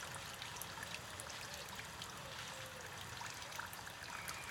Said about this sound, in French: Ambiance au mois de juillet à la Coulonche, avec cris de rapaces, bruit d'eau qui coule près de la fontaine.